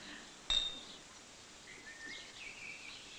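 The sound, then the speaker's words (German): A single sharp clink of glasses in a toast at a 10th wedding anniversary celebration rings out near the start, leaving a brief bright tone, followed by a quiet stretch with faint, thin high-pitched sounds. “So, und jetzt müssen wir alle anstoßen, wie damals beim Polterabend.”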